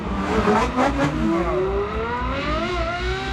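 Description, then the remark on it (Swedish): A powerful Ferrari V8 or V12 sports car engine revs loudly, its roaring pitch climbing and sweeping through several surges over a few seconds, with no voices. “Ja, men dels är det de kraftfulla motorerna såsom V8, V12-motorer, ljudet ifrån dem.”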